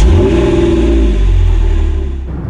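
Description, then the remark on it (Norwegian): A car being driven a bit too fast revs and accelerates, a loud, steady rising engine drone with rumbling low end that holds throughout before easing slightly at the end. “Pappa, nå kjører du litt for fort.”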